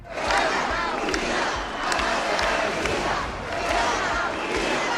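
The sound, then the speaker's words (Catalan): A large crowd at a rally in the Balearic Islands in support of the autonomous city shouts and chants in favour of Spain and against president Pedro Sánchez, in loud, rhythmic bursts, voices swelling roughly every second or so with a steady roar of many people underneath. “Els crits en favor d'Espanya, les banderes i càntics contra el president Pedro Sánchez protagonitzaren la cita.”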